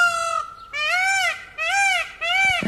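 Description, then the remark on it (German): A peacock in Bad Zwesten in the Schwalm-Eder-Kreis gives a series of loud, nasal, wailing calls, four strident cries in quick succession with short pauses between, with no talking. “Bad Zwesten wird von einem Pfau unsicher gemacht.”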